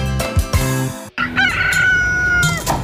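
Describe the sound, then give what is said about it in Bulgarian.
A brief burst of rhythmic music cuts off, then a single loud rooster crow rings out, rising and holding a long drawn-out cock-a-doodle-doo over a faint musical background. “Трикракото пиле.”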